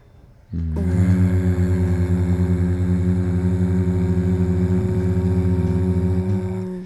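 A single sustained low hum on one out-breath during a breathing and humming exercise, steady in pitch and buzzy with a fast rhythmic pulsing, holding for about six seconds before cutting off. No talking.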